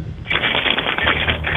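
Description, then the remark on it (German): A bunch of keys is jingled by hand by a kitchen, steadily for over a second, a dense run of small metallic clicks and rattles heard through a thin, phone-like line with no one talking. “Und das beweist uns einmal bitte, indem du dir einen Schlüssel schnappst und einfach mal so rumklimperst mit dem Schlüssel.”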